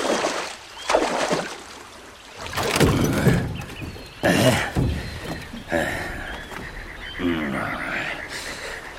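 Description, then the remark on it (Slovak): Oars splash and slosh through water in a series of uneven strokes as a ferryman rows a small boat across to the other bank, with frogs croaking toward the end. “Poriadne zaber, nech sme čím skôr za vodou.”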